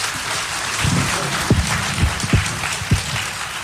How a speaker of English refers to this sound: And let's have him come up and greet him with a great Italian applause. Possiamo accoglierlo con un applauso italiano.